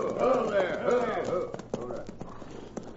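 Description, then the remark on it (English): Hooves of two ridden horses clop on a road in a loose, uneven rhythm of sharp knocks, with raised voices calling over the first half before the hoofbeats stand out more clearly. “Here come 2 riders. We'd better wave them down and ask them to pull off the road as they ride through.”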